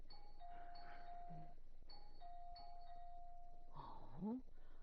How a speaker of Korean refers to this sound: 어느 장난꾸러기 녀석이 초인종을 이렇게 누른.